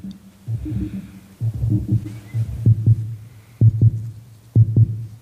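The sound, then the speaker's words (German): A steady, low mechanical heartbeat from an automaton, presented as a heart, throbs in paired beats, repeating about once a second over a deep continuous hum, with no voices. “Das Klopfen ist nur ein Automat.”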